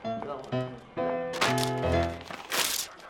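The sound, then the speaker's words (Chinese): Paper with pencil writing on it is torn up in a couple of quick, ripping bursts, with a person's voice heard speaking over and between the tears. “你撕它干嘛？这我用铅笔写的。”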